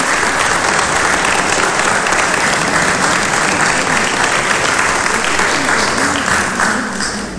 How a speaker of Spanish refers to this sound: Más que merecido el aplauso, muchísimas gracias.